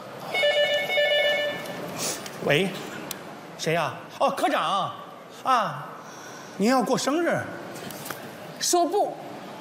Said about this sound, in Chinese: 接电话。